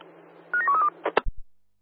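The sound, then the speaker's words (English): A quick run of electronic keypad beeps as a phone number is dialed, followed by a couple of sharp clicks and a low thump, with a faint steady hum underneath. “Oscar 1, stand by for a phone call.”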